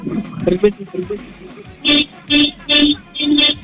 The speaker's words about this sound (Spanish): Gordito, te vamos a pedir que toques tu claxon. Tu claxon del auto. Espérate, todavía no te dicen cuántas veces. Con tres veces largas es más que suficiente.